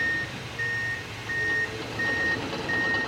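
A construction vehicle's reversing alarm beeps steadily in a regular on-off rhythm, five tones over a rumbling engine and low traffic noise, clear, with no voices.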